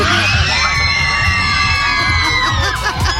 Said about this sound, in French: Il y a des fans mais qui gueulent derrière elle. Elle a une réaction incroyable et puis les fans vont re-répondre.